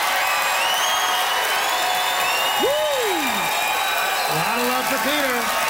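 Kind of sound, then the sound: crowd, audience applause and cheering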